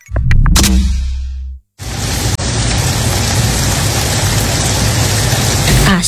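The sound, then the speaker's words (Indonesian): Heavy rain pours down in a loud, steady, dense hiss, starting after a brief low rumbling burst and a short silence, then continuing unbroken to the end. “Asik, hujan deras.”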